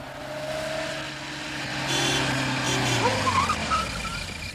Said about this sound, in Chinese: 晚饭的时候，门外忽然传来了汽车声